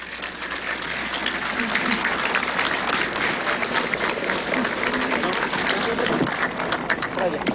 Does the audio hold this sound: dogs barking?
no